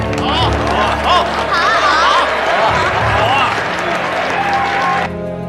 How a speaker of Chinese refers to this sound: 今天给大家带来的是《贵妃醉酒》，大家用热烈掌声欢迎百合子小姐。